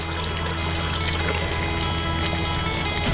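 Lamb broth pours steadily into a cooking pot, a continuous splashing rush of liquid that holds an even loudness for about three seconds, with a low steady hum beneath and no voices.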